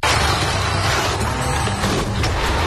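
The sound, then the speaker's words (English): A loud car crash: an abrupt impact followed by a dense, sustained crunch of grinding metal that stays harsh for a few seconds, with no voices. “Was a hard hit. Looks like your car just got body checked by Life.”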